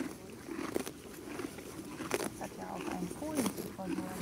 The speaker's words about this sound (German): Und wenn du jetzt mal die Augen zumachst und einfach nur mal lauscht, was kannst du hören? Vögel. Die Vögel? Wie die Pferde das Gras abzupfen. Ja, ach, genau.